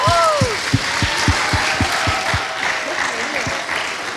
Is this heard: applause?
yes